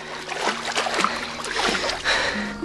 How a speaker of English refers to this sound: Harry finds himself standing alone in ankle-high water, surrounded by tall grass. Sloshing through the water, he looks up to find the ramshackle multi-story home.